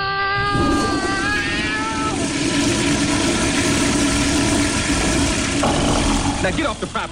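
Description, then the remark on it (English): A truck engine idles with a steady rumble that continues throughout, while brief tonal vocal sounds come and go over the top near the start. “Nothing for you in this truck.”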